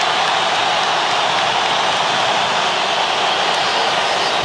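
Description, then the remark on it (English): A stadium crowd in Guadalajara applauds Colombian player James Rodriguez as he exits the field, a steady, dense wash of clapping that holds at the same loud level throughout, with no clear voices rising above it. “And a round of applause for the Colombian legend, James, as he exits the field here in Guadalajara.”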